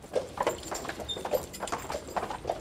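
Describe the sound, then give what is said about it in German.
Horse hooves clip-clop in a steady, brisk rhythm on a hard surface, each strike a sharp knock, with a faint rolling rumble underneath as the horses pull a beer delivery cart making a fuel-free beer delivery in OWL. “Sebastian Kemper, der letzte Bierkutscher in OWL.”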